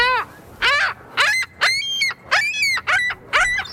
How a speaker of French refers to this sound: Monsieur Fizet, on va l'écouter d'ailleurs, le goéland bec cerclé. Comme ça, les gens vont le reconnaître.